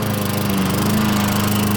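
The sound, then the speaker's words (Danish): A lawn mower engine drones steadily and loudly, a constant buzzing motor hum with a low pitched tone that holds even throughout, no voices present. “Havemaskiner, der bare holder.”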